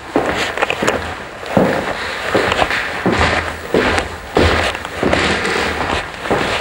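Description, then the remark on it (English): Steady footsteps on the wide oak stairs of Wagner's house in Switzerland, a series of firm thuds at an even walking pace over a continuous background hiss, with no voices. “You're listening to footsteps on the wide oak stairs where the musicians assembled at Wagner's house in Switzerland.”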